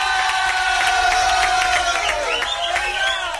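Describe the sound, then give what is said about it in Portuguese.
A loud burst of crowd applause mixed with whistles and cheering, sustained and dense throughout, like a stock celebration sound effect played at full volume, played live on air for a listener's wife's birthday. “Palmas aqui, ó, para sua esposa.”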